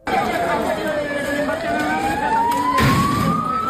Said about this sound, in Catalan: Així és com ha sonat el conflicte entre els joves que s'han acabat enfrontant amb la policia.